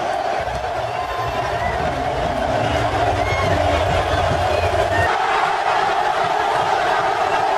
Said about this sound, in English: This is just about 15 to 20 seconds of what SoFi sounded like last night. The roar of that crowd, man, is unlike anything you'll ever hear.